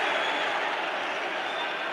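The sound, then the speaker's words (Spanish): A football crowd at El Molinón stadium protests during a Sporting match in a steady, dense roar of many voices, loud and continuous throughout with no single voice standing out. “Protesta el Molinón.”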